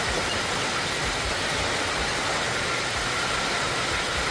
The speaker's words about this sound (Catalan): Així sonaven algunes de les tempestes que han descarregat fort aquest cap de setmana, molt especialment dissabte, però ahir també, ahir la tarda, a les comarques de Girona i també al Pirineu.